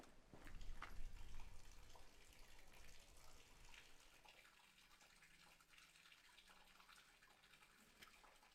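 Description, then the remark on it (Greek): Water pours steadily from the spout of an old village fountain, about 300 years old, in the village's old neighbourhood, a continuous splashing stream, louder at first and settling into an even, gentle flow with no voices. “Εδώ είμαστε σε ένα σημείο στο χωριό που λέγεται Παλιά Βρύση.”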